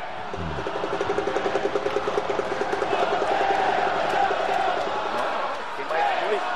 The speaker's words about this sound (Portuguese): Uma torcida muito grande do Neymar, rapaz. Rapaz!